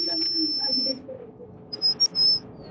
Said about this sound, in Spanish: ¡Madre, qué agudísimo! Ese más que silbido parece silbato para perros.